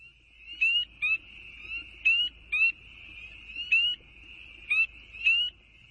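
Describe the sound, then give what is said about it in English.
A chorus of spring peepers, tiny tree frogs: a steady high-pitched background din punctuated by loud, sharp rising peeps that repeat in quick pairs, with no voices. “This is the sound of a spring peeper. Spring peepers are tiny tree frogs found across”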